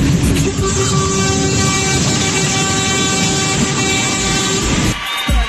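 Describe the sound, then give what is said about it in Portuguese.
A dense chorus of car horns blares together continuously for several seconds, loud and overlapping with steady tones, before cutting off near the end; no voices are heard. “Fechou com chave de ouro o buzinaço.”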